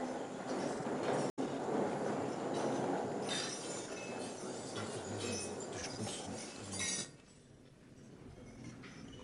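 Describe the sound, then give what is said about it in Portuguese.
Many glasses clink together in a busy, overlapping jumble amid a crowd's murmur during a toast after the President's speech at the National Combatants Gala in Mozambique, fading abruptly near the end into quieter ambience. “Assim termina o discurso do Presidente da República, a Gala Nacional de Combatentes, e chega o momento do brinde.”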